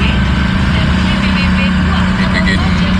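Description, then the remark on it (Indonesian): Steady low rumble of idling truck and car engines at a roadside in front of the Balai Arsosari kelurahan office, where a single-axle truck has broken down, with two cars and two trucks. Loud and continuous, with a constant engine hum throughout and faint voices mixed in. “Ini di depan kelurahan ada truk trouble. Nah, kelurahan apa ini, Pak? Dua mobil, dua truk ya, truk engkel ini.”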